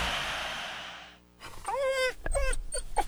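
After a brief wash of hissy noise, a dog whimpers in a few short, high, wavering whines, fairly clear, with small pauses between them.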